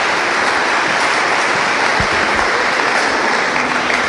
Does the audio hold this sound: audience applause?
yes